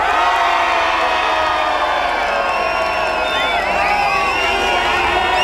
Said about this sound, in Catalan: Un crit molt fort també per la gent de Beni Dolores. I també un crit que enviem cap a Osona per Pla Moguda.